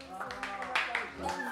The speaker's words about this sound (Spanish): Un aplauso, toma un aplauso.